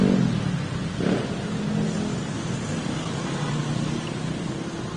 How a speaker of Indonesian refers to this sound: akan melaporkan situasi arus lalu lintas secara langsung di Simpang Jambul Dewi Sartika Jakarta Timur.